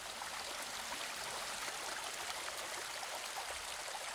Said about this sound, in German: Myriaden von Regentropfen durchnässen den Märchenwald. Winzige Rinnsale werden zu kleinen Sturzbächen.